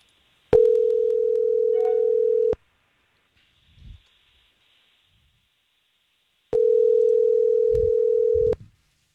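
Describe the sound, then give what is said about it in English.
A phone line ringing: two long, steady electronic ring tones, each about two seconds, separated by a pause of silence, with a faint low thump between them. No voices. “We're going to call her and see what she thought of your date.”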